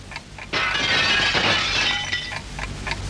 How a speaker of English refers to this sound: It's knocked something off the table. Wasn't your microphone on the table?